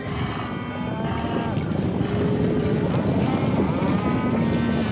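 A thick, steady rumble of many hooves pounding in a cattle stampede, with long, drawn-out cattle moos rising and falling above it throughout, loud and continuous with no talking.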